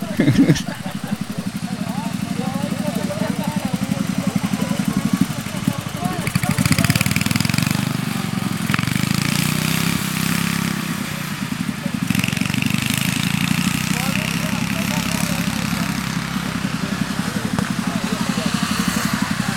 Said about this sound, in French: T'es pilote ? Oui, c'est ça, pilote, on peut dire ça. Ça fait longtemps que tu es pilote de tracteur tondeuse ?